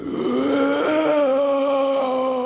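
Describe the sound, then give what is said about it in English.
A person lets out a long, loud, strained groan that holds steady for a couple of seconds, with no talking around it. “But some audio from the place. That's labor, all right.”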